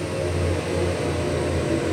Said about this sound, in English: The endless drones of engines, from the early morning to the late evening, can be really annoying, right? The pummeling of the jackhammer.